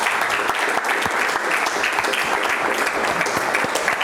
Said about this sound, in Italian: Un applauso.